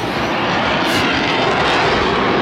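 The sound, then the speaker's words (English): A loud, steady roar of an aircraft with jets and propeller at the Pacific Air Show on the Gold Coast, the jet-and-propeller whine and rumble sustained without a break as the plane passes overhead, with no voices. “Oh, because it's got jets and propeller. Okay. And that's just stopping and it's gliding in the air.”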